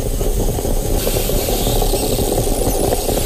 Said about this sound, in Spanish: Has cambiado el sonido de la cafetera. Ahora es una cafetera italiana. Eso se llama ASMR, ¿no? O algo así.